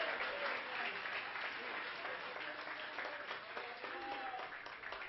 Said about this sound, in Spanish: Para el Señor ese aplauso, dédeselo.